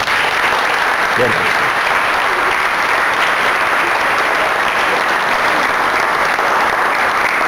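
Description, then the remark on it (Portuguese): A large audience applauds steadily for several seconds, a dense, loud wash of clapping that stays even throughout, with faint voices mixed into the crowd noise. “Pode aplaudir.”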